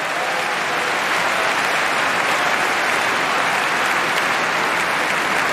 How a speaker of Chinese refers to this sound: 现场的观众也都在给36岁的罗马尼亚老将科斯蒂亚加油。